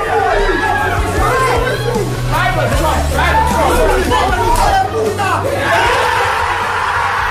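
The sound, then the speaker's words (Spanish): A loud, constant roar of excited voices: overlapping chatter, shouts and whoops, with occasional louder yells rising above the din throughout. The full Arsenal squad is celebrating at Arsenal's training centre in north London after the final whistle of Bournemouth v City made Arsenal Premier League champions after 22 years. “esta que escuchamos fue la locura que se desató en el centro de entrenamiento del Arsenal, donde estaba reunida toda la plantilla ganera al completo tras el pitido final de ese Bournemouth City que hacía campeón al Arsenal.”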